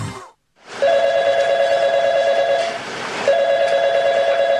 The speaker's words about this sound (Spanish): Ese teléfono es suyo. Y nadie contestó. Esa llamada que perdió hoy, la ganó su competencia.